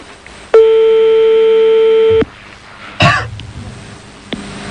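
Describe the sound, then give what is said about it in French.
A loud, steady telephone line tone hums at a single mid pitch for under two seconds while a phone number is being dialed, then cuts off. A brief throat-clearing noise and a faint click follow, with no talking. “On est en train de composer le on est en train de composer le numéro de téléphone là.”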